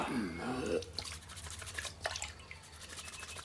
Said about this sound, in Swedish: Så hällde de vatten i handfatet och satte igång och tvätta sig alla tre.